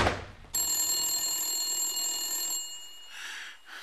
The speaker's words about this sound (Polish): Telefon! Telefon dzwoni w gabinecie.